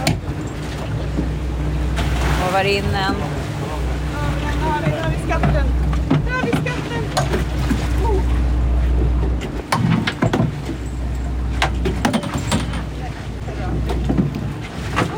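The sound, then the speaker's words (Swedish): Water sloshing around a boat at sea, with a steady low rumble and gusty wind noise throughout, while people talk over it. “Det är två gula bollar som åker runt i vågorna.”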